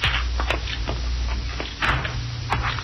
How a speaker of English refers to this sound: Let's use the back door, Cisco.